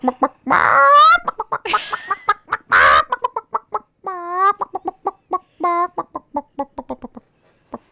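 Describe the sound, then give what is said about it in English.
A person in a studio imitates a clucking chicken with a rapid string of short, choppy bawks and a few drawn-out squawks, loud with no other talk. “I think there might be another chicken in here somewhere.”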